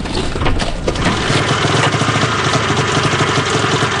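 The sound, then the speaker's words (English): Idling trucks, parked nose to tail just off the side of a road on a cold February morning while biologists unload snowmobiles, rumble steadily. It is a continuous low throb with a faint rattling vibration and no voices, holding an even, loud level throughout. “The biologists unload snowmobiles from their idling trucks, parked nose to tail just off the side of the road.”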